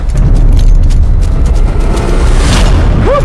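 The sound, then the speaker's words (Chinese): A heavy truck roars past, its deep rumbling engine loud and steady throughout, ending with a short high squealing tone like brakes or a horn. “你干什么？ 卡车哟！”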